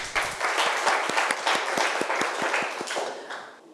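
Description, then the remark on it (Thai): Students in a maths class applauding a classmate for a correct answer, a dense patter of many hands clapping at once with a few sharper individual claps standing out, fairly loud throughout with no talking. “ถูกต้องนะครับปรบมือเพื่อนหน่อยครับ”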